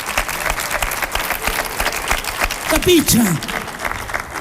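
An audience at a live show applauds steadily throughout, a dense wash of clapping that fills the whole stretch, with a few brief vocal whoops or calls rising above it near the end.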